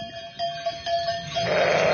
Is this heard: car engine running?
no